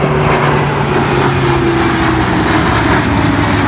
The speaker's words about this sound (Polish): W południe nad Wisłą w Warszawie przeleciały samoloty, które wezmą udział w przyszłotygodniowym pokazie. Były śmigłowce bojowe, myśliwce F-16 i samoloty transportowe, a później zachwyceni obserwatorzy.